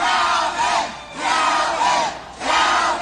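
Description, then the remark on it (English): A large, exuberant crowd on election night, November 15, 2025, in New Orleans roars and cheers celebrating Calvin Duncan, Orleans Parish's newly elected clerk of criminal court, in loud, surging waves, with overlapping shouts and whoops swelling three times, no single voice standing out. “On November 15, 2025, election night, an exuberant crowd gathered to celebrate Calvin Duncan, Orleans Parish's newly elected clerk.”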